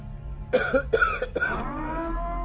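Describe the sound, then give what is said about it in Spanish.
A short coughing fit: three harsh, raspy coughs in quick succession, trailing off into a low rumble, with no talking. “Usted disculpe, son las secuelas de la tos.”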